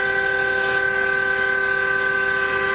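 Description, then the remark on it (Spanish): A loud truck air horn, sounded by a truck driver driving from La Plata toward Ezeiza, blares in one continuous, steady blast, its rich, layered tone held for nearly three seconds without a break. No voices are heard. “El bocinazo. Me tiró el bocinazo, Germán.”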